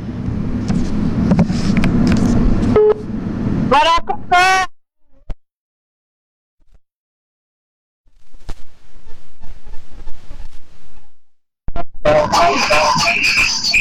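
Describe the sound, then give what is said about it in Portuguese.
A telephone call placed for a chicken prize draw dials and rings: short tonal beeps after a busy stretch, a pause, then a faint, muffled ringing pattern on the line before a loud burst of sound returns. “Você de casa, fica com o telefone aí na mão. É aberto? Oh, chamou.”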